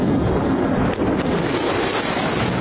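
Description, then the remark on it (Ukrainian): A loud, continuous roar of heavy supersonic bomber engines flying overhead, a dense rumbling wash of sound that holds steady throughout with no voices. “Коли рев двигунів розриває повітря, у Трампа спрацьовує базовий рефлекс.”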